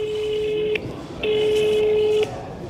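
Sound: telephone dialing a number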